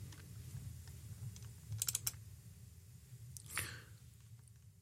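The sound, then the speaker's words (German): A quick cluster of four or five sharp computer clicks as someone clicks into the next news item, over a low steady hum, followed by a brief soft rustle. “Und wir klicken uns in die nächste Meldung rein.”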